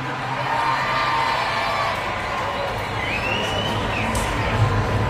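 A large crowd screams and whoops excitedly in a loud, continuous roar, with rising whoops cutting through the dense cheering from start to finish.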